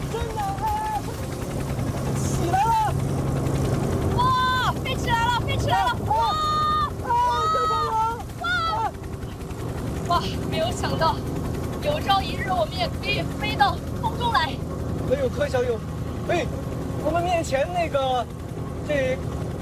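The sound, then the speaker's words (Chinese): A panda-themed passenger airplane's engine roars steadily at takeoff, a loud, constant low rumble filling the whole recording while passengers talk excitedly over it. “乘客欢迎乘坐熊猫飞机，请确认安全带已经系好，飞机门已经关好，戴好耳机，我们的飞机马上起飞，请各位乘客做好不要乱动。”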